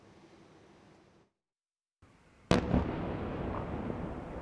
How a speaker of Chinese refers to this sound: 当地时间19号凌晨，乌克兰首都基辅多次传出爆炸声。俄国防部同日称，俄军对基辅当地多家军事装备生产企业实施了强力打击。